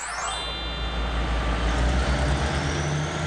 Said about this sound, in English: Everyone seems excited to be on it. Yay, the EC train is off. Hoot hoot. The C train travels a total of 56 kilometers along the eastern coastline.